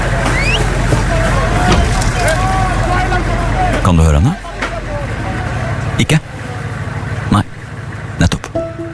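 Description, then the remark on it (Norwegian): A heavy truck loaded with food, water and medicine rumbles steadily beneath a dense, noisy crowd where a girl is fighting for her place, then the engine cuts off abruptly midway, leaving scattered clatter and thumps while people talk. “Hvis du hører godt etter nå, hører du jenta som slåss for plassen sin med en lastebil full av mat, vann og medisiner.”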